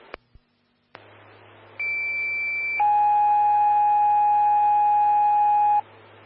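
Fire dispatch alert tones over a radio for Evergreen Fire Station 5, engine 131 and medic 114, called to a fall on Upper Bear Creek Road: a clicking squelch burst, then a steady high tone for about a second, followed by a longer, lower steady tone lasting three seconds, with faint hiss underneath.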